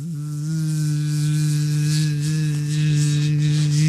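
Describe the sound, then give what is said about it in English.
A gnat buzzes inside a home in one continuous, steady drone with a low, reedy pitch and rich overtones, fairly loud and unbroken for several seconds, with no talking. “I don't know how the hell a gnat would be in my home.”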